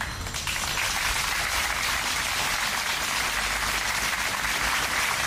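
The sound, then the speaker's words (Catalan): Steady, dense applause from a crowd after a minute of silence in front of the Town Hall (Ajuntament) of Gandesa, Terra Alta, many hands clapping at once in a continuous crackling wash that holds an even loudness throughout, with no voices heard. “Aplaudiments després del minut de silenci davant l'Ajuntament de Gandesa per la nena de 9 anys que ha perdut la vida a la Font Calda, a la Terra Alta”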